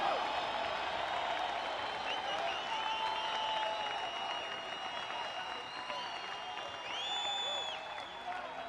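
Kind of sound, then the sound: crowd, audience applauding and cheering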